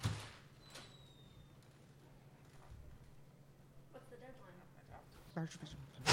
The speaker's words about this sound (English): The editor, alarmed, has risen and is about to go to Kent's assistance when the door opens and Lois Lane enters.